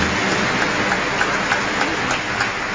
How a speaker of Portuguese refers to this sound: Mais uma salva de palmas à nossa família dos devotos. Nossa gratidão.